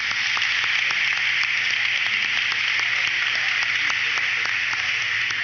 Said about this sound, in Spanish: agradecemos con amor la celebración eucarística de este día, así como a los demás sacerdotes y ministros del altar que nos han acompañado con entrega y servicio. Un aplauso para ellos.